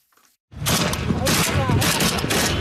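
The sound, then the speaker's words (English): Sustained, dense gunfire from Yemen's civil war erupts after a brief near-silence, a loud continuous fusillade of overlapping shots and cracks with heavy low booms, with indistinct voices mixed into the chaos. “The sound of Yemen's long simmering civil war unleashed anew in recent weeks.”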